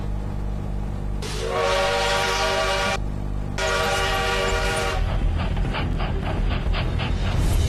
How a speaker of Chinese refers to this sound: 1922年10月9日，数千名铁路工人前赴后继，英勇地横卧在京奉铁路线上，以誓死的勇气和决心逼停不远处疾驰而来的列车。